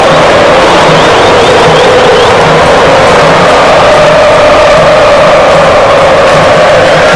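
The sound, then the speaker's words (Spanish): A huge crowd of Brazilian football fans chants loudly and steadily in a stadium, a dense roar of many voices with a sustained sung tone running through it and no commentary over the top. “Escuche a la afición brasileña.”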